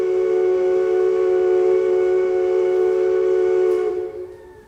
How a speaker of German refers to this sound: Da würde ich sagen, nehmen wir einen Dampfer. Ein Dampfer. Schon ist er da.